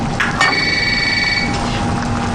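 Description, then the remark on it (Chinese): A single telephone ring, a bright electronic trill lasting about a second, sounds over a steady background hum with no one speaking. “就接电话啊。”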